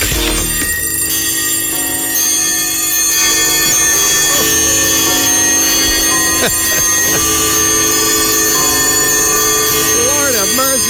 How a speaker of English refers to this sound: So the times, you know, the typical ding dong, ding dong, ding ding, ding dong. Well, that's every 15 minutes. And then you got the bong, bong, bong, bong on the hours, right? There it is.